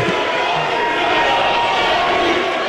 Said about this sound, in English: still full with Knicks fans, and this is when they're leaving. They're literally just, like, chanting in the hallways.